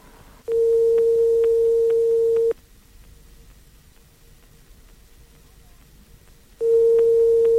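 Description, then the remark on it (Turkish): A telephone ringback tone heard on the line after a number is dialled: a steady electronic tone lasting about two seconds, then a long silent pause of roughly four seconds before the next ring begins. “Evet, telefonumuz çalıyor.”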